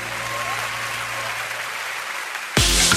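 A steady wash of clapping applause rolls on, then swells abruptly louder and fuller near the end, with no voices over it.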